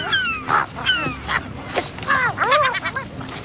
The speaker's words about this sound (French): Le goéland argenté essaie d'éventrer un sac poubelle, mais il a quelques difficultés.